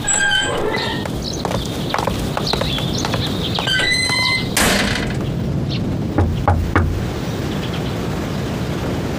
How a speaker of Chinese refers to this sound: 开门。